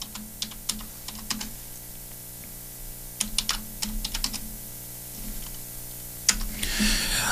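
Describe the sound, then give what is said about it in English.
Quick bursts of typing on a computer keyboard as someone types in something to look up, sharp key clicks in uneven clusters with short pauses, fairly clear over a steady low hum, ending in a brief hiss. “Just typing it in right quick.”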